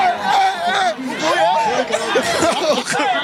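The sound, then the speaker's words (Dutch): A happy, celebrating crowd shouts and cheers, many excited voices overlapping in a steady, loud roar with rising and falling yells and some laughter throughout. “Ja, hier wordt geschreeuwd en iedereen is blij.”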